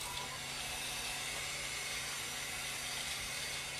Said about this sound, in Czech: Ano, ano, teď se nám spustilo automatické dopouštění vody. Vevnitř se nachází nádrž na 200 litrů a k tomu je připojeno a automaticky to spolu komunikuje, tak je vozík, na kterém je 1000-litrová nádrž na vodu. Teď právě můžeme slyšet, že se dopouští.